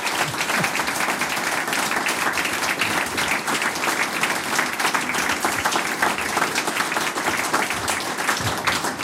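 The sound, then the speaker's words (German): Sustained audience applause, a dense steady wash of many hands clapping at even loudness for several seconds, with no voices standing out, for a folk music group from Styria receiving the Harmonika-Award from the Harmonikerverband Österreichs. “Ich denke, das hat sich einen Applaus verdient”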